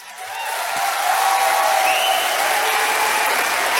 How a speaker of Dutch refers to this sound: Ik heb heel veel gedichten, niet te lang klappen.